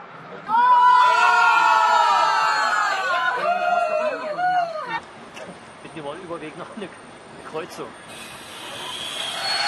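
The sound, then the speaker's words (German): Football fans aboard a train bound for Östersund, watching a World Cup match live, erupt in loud, sustained cheering and shouting for several seconds, then fade into excited chatter and scattered calls with a steady rumbling hiss underneath. “Eine große Runde Fußballbegeisterter hat sich für Fußball entschieden, dieses Spektakel im Zug live zu verfolgen.”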